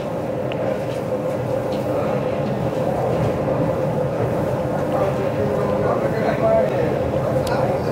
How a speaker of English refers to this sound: I'm in the club car. That's the last one of this particular train. There are two sections of train. The first, that's car 1 to 19. It's about a mile walk from 1 to 19.